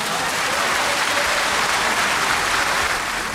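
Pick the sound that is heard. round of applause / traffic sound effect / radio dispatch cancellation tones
round of applause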